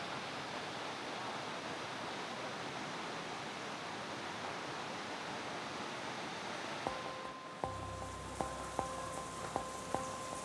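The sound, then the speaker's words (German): Crystal-clear water pours steadily out of a spring at the Alploch with a loud, continuous rushing hiss, joined in the last few seconds by a series of regular clicking taps. “Ja, kommt das Wasser schön raus.”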